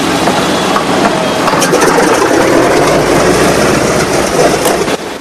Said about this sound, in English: Inside the cockpit, buttons and switches are pressed and flicked. The plane's engines roar into life. The other B-17s are fired up on the tarmac, their propellers whirring, sending out clouds of grey smoke.